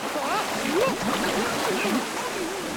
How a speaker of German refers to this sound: Abgesehen von der Kälte war es auch sonst kein Spaß, in dieses sprudelnde und schäumende Wasser zu steigen.